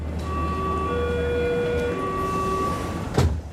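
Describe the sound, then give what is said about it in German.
A subway train hums steadily with a low rumble and a high whining tone as it runs, then a brief clatter or door thump near the end. “Ich nehme die U-Bahn.”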